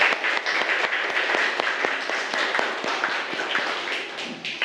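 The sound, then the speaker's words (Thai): A group of students in a classroom clap together for a classmate's presentation in steady, dense applause, many overlapping sharp hand claps forming a continuous patter that holds at an even level for several seconds with no talking. “ปรบมือเพื่อนค่ะ”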